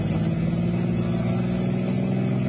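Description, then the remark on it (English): A car engine roars steadily, a loud sustained mechanical drone with a revving, accelerating quality as the car speeds through heavy traffic, pursued by a police sedan; no voices over it. “Give them more, Red. An awful lot of traffic.”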